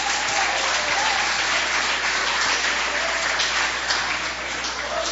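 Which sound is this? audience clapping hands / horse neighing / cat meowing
audience clapping hands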